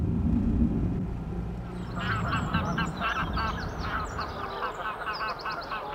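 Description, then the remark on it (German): A flock of geese on a lake honks repeatedly from about two seconds in, overlapping harsh calls over a steady low rumble of wind or water. “Immer mehr Gänse.”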